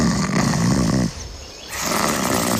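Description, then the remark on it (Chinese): A big cat snoring up close: a loud, deep, rumbling breath, a brief quieter pause, then a second heavy snore, with no talking. “哇哦，听起来像是一只大猫， 也许是老虎，也可能是黑豹”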